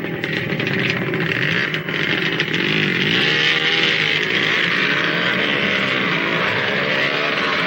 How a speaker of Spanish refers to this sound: se suben a la motocicleta, se marchan.